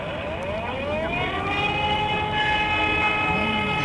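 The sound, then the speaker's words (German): A fire brigade siren wails loudly and steadily, its rich, buzzing tone slowly rising and falling in pitch for several seconds with no voices over it. “Ich glaube, das ist von der Feuerwehr, glaube ich.”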